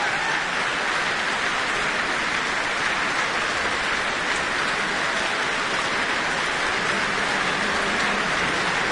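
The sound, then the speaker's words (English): Sustained applause from a large concert audience and the New Zealand Symphony Orchestra in the Michael Fowler Centre, a dense, steady wash of many hands clapping for the full length without pause. No voices are heard over it. “He has joined hands with the conductor, receiving the applause of not only the audience, but also the orchestra here in the Michael Fowler Centre.”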